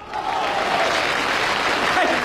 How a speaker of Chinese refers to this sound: 听听这个掌声，看看这个场面，瞧瞧这个热情